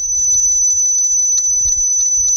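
A Florida bonneted bat call, recorded with an echo meter microphone: a shrill, high-pitched tone holding steady with rapid repeated pulses riding on it, over soft low rumbling and no talking.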